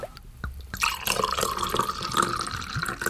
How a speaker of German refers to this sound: Die Kennerinnen unter Ihnen haben es genau gehört. Das war feinster Wein aus dem Süden von Sachsen-Anhalt.